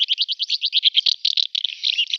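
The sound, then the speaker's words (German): House martin calls: a rapid, steady run of short, high chirps that breaks into a busier, jumbled twitter toward the end, with no voices present. “Sie hörten die Mehlschwalbe, was den Vogel des Jahres ausmacht und warum er gefährdet ist.”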